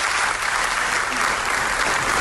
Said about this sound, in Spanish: Son los aplausos con los que ha sido recibida Nevenka Fernández, al que ha sido su primer acto público en su ciudad después de abandonar España hace más de 20 años tras convertirse en 2001 en la primera denunciante de acoso sexual en política